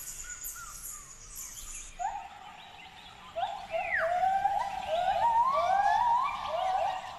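Gibbons calling in a forest in Thailand: a series of rising, whooping hoots that quicken and grow louder, sliding upward in pitch over a steady background of insect and bird chatter.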